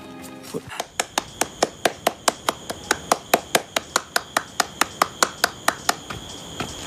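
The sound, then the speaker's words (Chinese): A single pair of hands claps in a steady, fairly quick rhythm, about twenty sharp, clear claps in a row, after a brief murmur at the start. “你在那又笑又拍巴掌的干什么呀？”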